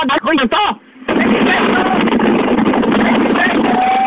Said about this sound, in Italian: Lo senti il vento? Lo senti il vento della tangenziale? Dimmi! Dove cazzo siete? Ah, tu capì? Senti il vento? Madonna, senti il vento della... Fammi sentire! Lo senti il vento?